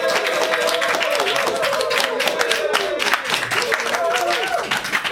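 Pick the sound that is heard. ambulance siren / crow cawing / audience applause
audience applause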